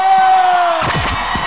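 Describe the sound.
Loud studio audience applause and cheering, a dense wash of clapping with a steady held tone under the first half, then excited shouting voices over the clapping.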